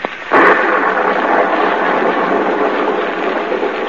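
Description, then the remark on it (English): A sharp crack of thunder in a lightning storm over a rain-splattered road and a stone courthouse in the southern village of Marsdenburg breaks in almost at once, then rolls on as a loud, steady, rumbling roar that fills the rest of the moment, with no voices. “A small, lonely stone building appears against the lightning-streaked sky.”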